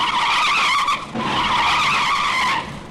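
Loud, high-pitched tire screeches, two sustained squeals with a brief break between them, the second trailing off near the end, with no voices.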